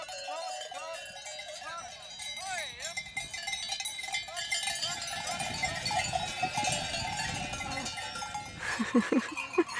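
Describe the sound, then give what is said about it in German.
Many cowbells clang and jingle steadily as a herd of cows, being lured with salt by a farmer, moves about, a dense, bright metallic ringing throughout, with brief voice-like calls and shuffling underneath, growing busier near the end. “Hier ist er als Bauer gefragt. Und der weiß, dass man Kühe mit Salz locken kann.”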